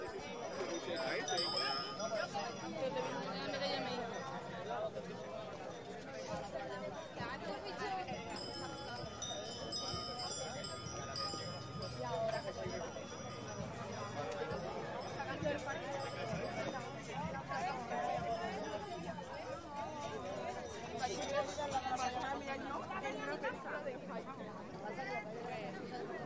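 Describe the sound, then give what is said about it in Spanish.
Dense outdoor crowd noise of a large crowd of pilgrims at the Rocío procession, many in carts and on horseback: many voices chattering at once in a steady babble, with occasional clinks and what may be hooves clopping, all at a constant busy level throughout. “Bueno, vemos el gentío absoluto que precede a la hermandad, mucha gente en carriolas que también van por delante y otra muchísima gente que va por detrás en diversas carriolas, a caballo, en definitiva lo que es la imagen icónica, ¿no?, del Rocío.”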